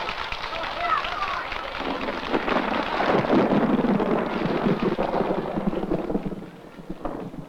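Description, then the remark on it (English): Rolling thunder from an approaching storm rumbles steadily for several seconds over a constant hiss like heavy rain, swelling in the middle before easing off. Faint voices may be mixed in beneath the noise. “It looks like we might have a storm brewing.”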